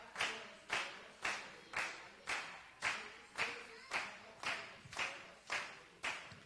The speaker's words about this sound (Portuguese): Bate palmas, bate palmas, bate palma para Jesus. Bate palmas. Cadê as palmas de verdade? Deixa eu ver.